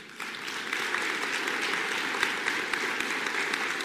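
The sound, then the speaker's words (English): A church audience applauds steadily as a child is welcomed into the body of Christ, many hands clapping in a dense, continuous wash of sharp slaps that holds at an even, fairly loud level throughout, with no voices standing out. “I didn't ask you to clap.”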